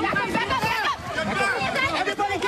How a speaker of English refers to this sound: You can hear the fear in their voices there. The moment people took off running after that explosion.